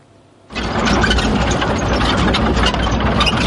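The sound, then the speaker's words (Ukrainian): After a brief quiet moment, the engine of an armored vehicle of the 15th National Guard brigade Karadag kicks in abruptly and keeps running in morning fog as it sets out toward Dobropillia, a loud, steady low rumble with a harsh rattling roar and no voices. “Так, під прикриттям ранкового туману на броньованій машині бригади «Карадах» ми вирушаємо під Добропілля.”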